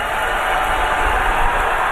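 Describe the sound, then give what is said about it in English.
A dense, sustained roar of a crowd cheering excitedly as SpaceX's Starship Flight 13 makes a soft splashdown in the Indian Ocean, loud and steady for the whole moment, with many voices blending into one continuous wash of noise and no single speaker standing out. “You can hear the excitement of the crowd.”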